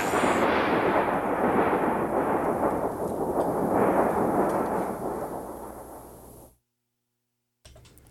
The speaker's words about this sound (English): Why, lightning!